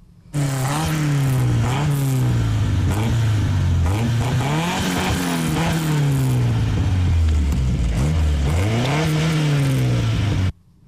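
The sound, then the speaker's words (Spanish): A Seat sporty car engine of larger displacement with overhead camshafts revs hard, its pitch climbing quickly and dropping in repeated surges, loud and sustained for about ten seconds with no talking. “Bueno, pues estos motores son de Seat, pues ya son motores de más cilindrada y que subían muy rápido de vueltas, y ya los colectores de escape, los árboles de levas en cabeza, etcétera,”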